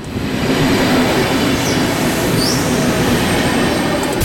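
A train rumbles steadily along the rails, its dense low roar constant throughout with faint metallic squeals rising briefly above it; loud, no voices.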